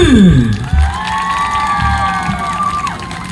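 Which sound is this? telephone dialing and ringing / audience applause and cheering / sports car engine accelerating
audience applause and cheering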